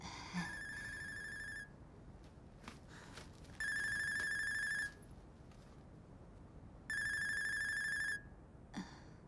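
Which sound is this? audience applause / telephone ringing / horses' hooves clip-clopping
telephone ringing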